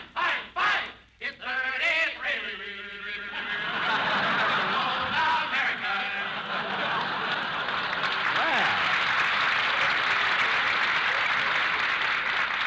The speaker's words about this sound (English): Boy, that place must be jammed. And now let's hear from the cheering section.